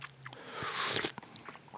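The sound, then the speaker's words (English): A crisp bite into a solid biscuit followed by a burst of crunching, with a few smaller crackles and chews trailing off afterward. “So it's very rare that these break in two.”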